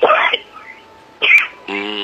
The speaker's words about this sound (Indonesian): Aduh, batuk.